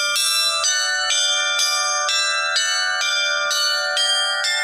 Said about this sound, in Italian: Quando sentiamo per la prima volta il rintocco di una nuova campana è un momento emozionante. Oltre al discorso che tutto è andato bene, la fusione è andata bene, è per noi la voce di Dio che si fa sentire attraverso le campane.